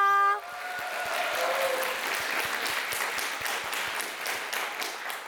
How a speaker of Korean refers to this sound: 첫 무대를 멋지게 장식해준 정갈한 아리 친구들에게 다시 한번 큰 박수 부탁드립니다.